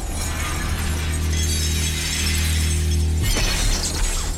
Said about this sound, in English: Her face contorted with rage, she smashes through the observation window into the control room.